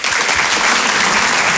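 An audience bursts into loud, sustained applause, a dense wash of many hands clapping at an even level throughout, with no voices standing out.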